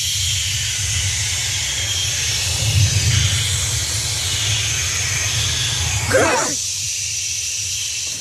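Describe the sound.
A choir from Zeeland, Netherlands, imitates the sea with voices for the show Editie NL, a steady breathy hiss and low rumbling wash that swells and ebbs, with a brief rising whoosh near the end.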